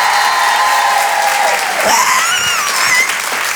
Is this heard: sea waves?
no